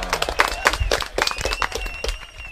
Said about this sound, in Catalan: Tajo, correcte. Fort aplaudiment.